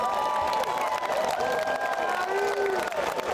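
An audience applauding steadily for a few seconds, dense clapping that stays loud throughout, with cheering and a few sustained whoops rising above it.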